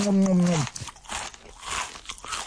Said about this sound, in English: Have you ever, like, you chewed on something? Like, yeah. Chew. You know when you're enjoying whatever it is.